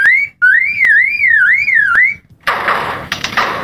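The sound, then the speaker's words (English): A lyrebird mimics electronic noises and a camera's click: a loud warbling, siren-like tone rising and falling for about two seconds, pierced by sharp clicks, then a harsh burst of hissing static with crackles. “The lyrebird is one of the best of all bird mimics. But it is that ability to mimic isn't simply limited to other birds.”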